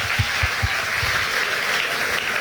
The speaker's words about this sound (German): Das ist ein richtiger Moment, um einen Applaus für die Leute hinter der Bühne, die alles mitkriegen und sofort da sind. Dankeschön.